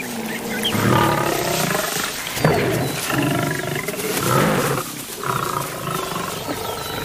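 Several lions roar and snarl in a continuous, overlapping brawl as they fight over the meat of a pig carcass, with harsh growls rising and falling over about seven seconds and no talking.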